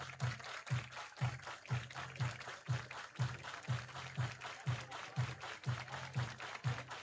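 Baseball fans in a big stadium crowd clap in steady unison along to a thumping music beat during the game, the sharp, even claps landing about twice per second over a continuous roar of noise.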